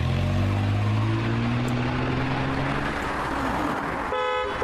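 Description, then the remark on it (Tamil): A car engine revs loudly and steadily as the vehicle pulls off, its low hum rising slightly in pitch, with a short horn toot near the end. “So குயிக்கா கார்ல இருங்க. இப்போ நம்ம எங்க போறோம்?”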